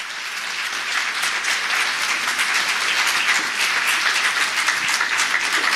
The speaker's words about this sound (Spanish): Dale palmas al que vive.